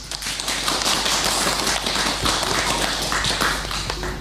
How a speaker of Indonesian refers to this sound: Alhamdulillah, penampilan teman-teman sangat baik. Tepuk tangan untuk TK Baklito.